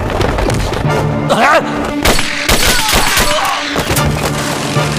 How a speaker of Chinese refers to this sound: 听到枪声吗？是配电室方向。伯爵，听到了没有？好像是枪声， 是配电室方向